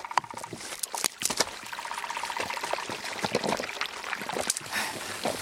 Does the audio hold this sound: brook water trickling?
yes